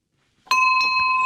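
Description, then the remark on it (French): A bell rings out with a sudden strike, its bright metallic tone sustaining loudly and steadily to the end, with faint rustling beneath and no talking. “Voilà, c'est le son de la cloche, c'est parfait.”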